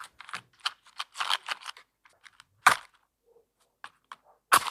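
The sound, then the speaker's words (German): A fire burning, heard as irregular dry crackles and small pops scattered over a few seconds, with two sharper, louder snaps standing out. No voices. “Als erstes hören wir das Feuer.”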